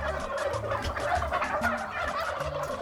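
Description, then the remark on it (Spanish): A turkey gobbles in a rapid, bubbling burst, loud, with a dense warbling rattle that fills the whole moment with no speech over it. The turkeys come from Murcia, Spain, and are being fattened for Christmas. “¿cómo cantaba ese pájaro?”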